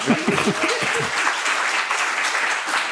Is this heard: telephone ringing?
no